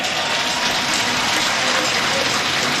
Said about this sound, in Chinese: 掌声送给200加的盖尔。